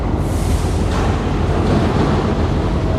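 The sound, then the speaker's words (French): A loud, steady industrial roar at a container port with huge gantry cranes, heavy engine rumble blending into a dense wash of machinery noise with metallic crashes and screeching, no distinct pauses, no voices. “Des fracas métalliques. Des crissements. Des moteurs.”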